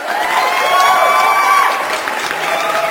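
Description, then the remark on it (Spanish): A crowd applauds and cheers loudly and steadily, with whoops and shouts rising over a dense wash of clapping that holds for the whole stretch. “Antes de dar a conocer a las personas ganadoras, un aplauso para mi compa.”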